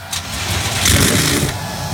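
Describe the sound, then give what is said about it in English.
A field of 37 NASCAR Cup Series stock car engines fires up and revs together on command at Richmond Raceway before the Cookout 400, a loud, dense, sustained roar with a rumbling low end that swells slightly midway, with no voices. “The command has been given. 37 NASCAR Cup Series cars come to life.”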